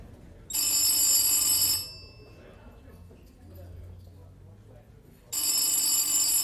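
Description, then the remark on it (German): An old-fashioned telephone bell rings in two long bursts separated by a few seconds of quiet, bright and metallic, with a faint low murmur in the pause between rings: an incoming call from Prague shortly after midnight, taken by a porter. “Kurz nach 12 Uhr nachts nimmt Portier Senf ein Telefonat aus Prag entgegen.”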